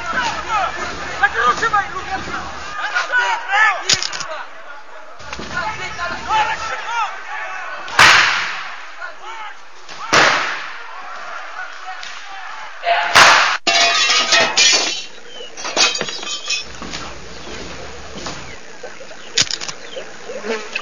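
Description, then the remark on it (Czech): A chaotic brawl breaks out inside a restaurant, with loud crashes and clattering impacts landing every few seconds amid scuffling noise, while people's voices carry through the commotion. “jsme u restaurace, bojíme se jít dovnitř, nějaká strašná rvačka, je nás tady hrozně málo, žádám o posily.”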